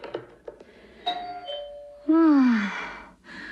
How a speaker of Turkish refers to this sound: Bu defa kapı zili hangi hanımın güllerini getirdi acaba?